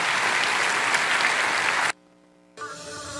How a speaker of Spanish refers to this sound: Alabado sea el nombre de Jesús. Dale un aplauso grande, hermano, al Señor.